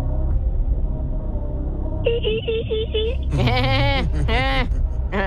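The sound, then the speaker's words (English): A voice imitates a bat with a quick run of four high, clipped chirps, then two longer, warbling squeals that bend up and down in pitch, over a steady low rumble. “What sound does a bat make?”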